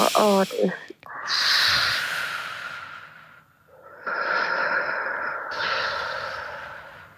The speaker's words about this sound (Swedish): Då förlänger du utandningen så som du gjorde. Och så kollar du upp i taket. Jag gör det här i studion också. Och så ut. Så långsamt du kan. Upp i taket och så långsamt utandning du kan.